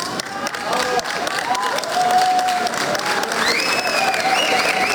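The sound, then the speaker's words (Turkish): Steady, dense applause from a crowd at an airport welcoming a 27-year-old racing driver after a historic win, many hands clapping continuously, with cheering voices and a few whistles rising over the clapping. “Tarihi bir başarıya imza atan 27 yaşındaki pilot havalimanında alkışlarla karşılandı.”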